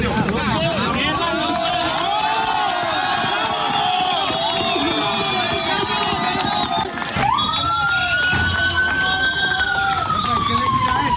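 A loud crowd shouts and cheers together in a continuous excited din, while an emergency siren wails and rises steadily through the noise.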